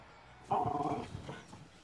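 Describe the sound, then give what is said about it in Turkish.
A dog lets out one sharp, somewhat drawn-out bark, reacting to distant gunfire, followed by a few softer grumbling noises; no one speaks. “Havlamayı kes, tamam mı?”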